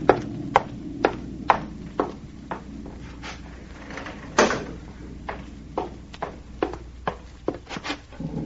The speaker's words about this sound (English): There's a storm coming up, and I can hardly hear you. Excuse me while I close the window.